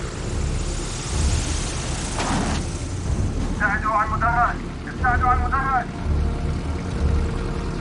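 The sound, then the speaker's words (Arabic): A steady, loud engine roar fills the scene as a propeller plane comes in and touches down on a runway, with voices briefly shouting orders over the noise partway through to light a lamp and give a landing signal. “اشعلوا مصباح هناك. أعطي إشارة هبوط، أعطي إشارة هبوط.”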